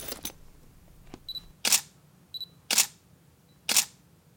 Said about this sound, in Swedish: Sen tar Elsa fram spökkameran ur spökväskan och fotograferar väggen.